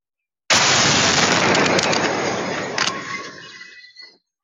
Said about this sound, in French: La scène de l'explosion, filmée dans son intégralité.